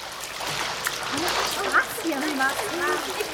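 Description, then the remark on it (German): Steady splashing and churning water fills the scene, with children's voices calling and chattering over it, as children paddle and swim in a non-swimmer pool. “Einige können sogar schon etwas schwimmen. Entweder paddeln sie wie junge Hunde oder sie versuchen es mit richtigen Schwimmbewegungen.”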